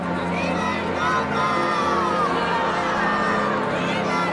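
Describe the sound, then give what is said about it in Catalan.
A large crowd of about 8,000 people at Montserrat cheers and acclaims the Pope, many voices shouting and calling out together in a dense, steady roar that stays loud for the whole few seconds. “8.000 persones l'han aclamat.”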